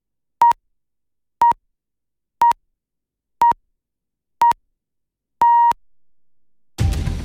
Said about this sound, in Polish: Najdłuższy sygnał powiadomił nas o tym, że jest 6 w sobotę.